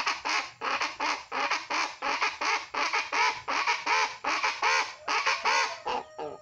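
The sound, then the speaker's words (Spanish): Guacharaca (chachalaca) birds, a kind of pava de monte, call in a loud, raucous chorus, harsh squawks repeating in a quick steady rhythm for several seconds, with no talking. “La guacharaca es un pájaro. Ese es el sonido del animal y este es el sonido del instrumento.”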